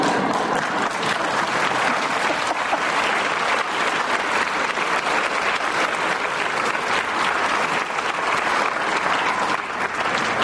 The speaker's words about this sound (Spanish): Entonces yo conozco unos cuantos líderes de la evangelización, entre los cuales aprecio a mi querido amigo aquí presente, pero ya no le den más aplausos, por favor.